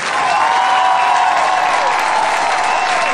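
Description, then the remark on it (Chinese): A large audience applauds steadily, a dense wash of clapping that holds at full volume for the whole stretch with no voices standing out, in applause for the world's youngest Gesar epic singer. “让我们用热烈的掌声让他知道他的这份珍贵，好不好？”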